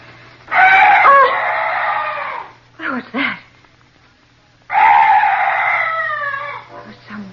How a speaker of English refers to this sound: Some night birds. Yes, that's all. Such a weird sound. I've never heard anything like it before. Oh. Thank heaven it's gone. That's strange. That bird was the only noise I've heard in this place. No other night noises at all.